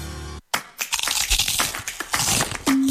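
A chip in a windshield turns into a crack, the glass splintering in a loud run of sharp crunchy crackles lasting about two seconds, after a brief hum and a moment of silence, then a steady tone takes over.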